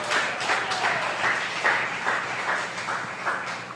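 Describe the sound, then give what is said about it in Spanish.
An audience claps steadily together for the Lord in the afternoon, a dense, continuous patter of many hands with slight rhythmic pulses, moderately loud and with no one speaking over it. “Dele palmas al Señor esta tarde.”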